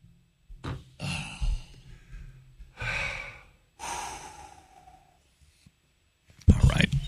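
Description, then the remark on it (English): Breathy sniffles and exhalations come in a few irregular bursts separated by brief quiet gaps, ending with a louder, sharper sniff or snort, during a coffee break. “I'll just sniffle over here.”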